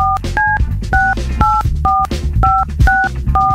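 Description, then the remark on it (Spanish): A phone number is keyed in: about eight short touch-tone beeps in a steady rhythm, each a bright two-pitch chirp, played over a continuous low rumbling background. “Entonces, ahorita, márcale, por favor.”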